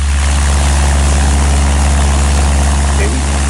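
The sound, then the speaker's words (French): A Cessna light aircraft's propeller engine drones loudly and steadily, a constant low throbbing hum with a dense, roaring wash layered above it. “Alors on a pris un bruit classique, c'est un Cessna.”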